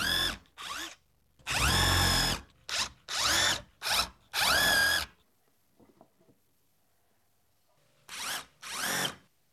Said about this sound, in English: We're screwing into just 3/4 inch thick wood, so I really need to be precise where I drill the holes. The next step, pre-drill with this countersinking bit.